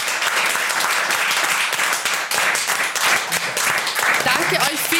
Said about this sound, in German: Deshalb großer Applaus, vielen Dank an euch alle.